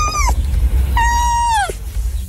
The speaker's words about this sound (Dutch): Hoe klinkt een vos? Nou, iets als...